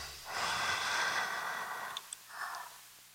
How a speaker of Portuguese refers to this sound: E a respiração que você ouve?